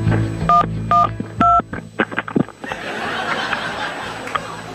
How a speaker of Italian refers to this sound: La vecchia bastarda ha buttato giù il telefono. Ma attenzione, sta per chiamare il 112.